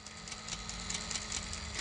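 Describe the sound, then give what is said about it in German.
A small cooling fan inside a game console whirs steadily and quietly, keeping the inside from getting too hot; a continuous mechanical hum with faint regular ticking pulses running through it, with no one speaking. “Ja, das ist ein kleiner Ventilator, der da leise surrt.”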